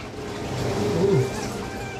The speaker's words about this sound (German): Sie schießen ultrafeine Wassertropfen, kleiner als menschliche Poren, sollen die Haut reinigen. Die Wasserstrahlen passen sich automatisch an den Herzschlag an.